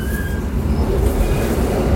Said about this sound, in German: das ist ein bisschen ältere Zug und der rüttelt noch ein bisschen.